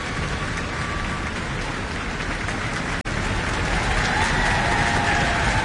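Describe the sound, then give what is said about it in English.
Sustained applause from her orchestra colleagues for a musician taking a bow after a wind feature, a dense, even wash of many hands clapping at steady loudness throughout, with a brief dip midway and no voices. “taking a bow and receiving applause from her colleagues in the orchestra.”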